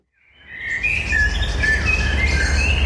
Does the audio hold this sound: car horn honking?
no